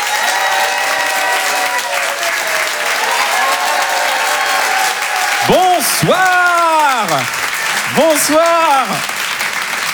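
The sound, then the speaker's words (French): An audience applauds loudly and steadily for the full ten seconds as comedian Roman Doduic is welcomed to the stage, a dense wash of clapping, with a few rising-and-falling voiced shouts or whoops cutting through near the end. “je vous demande de faire un maximum de bruit, d'applaudir très fort, s'il vous plaît, Roman Doduic.”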